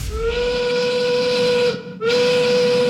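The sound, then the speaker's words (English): A loud, sustained steam whistle blows with a steady tone and hissing edge, cutting off briefly before sounding again in a second long blast. “That whistle means it's time for the Modern Gas 5 o'clock gas check.”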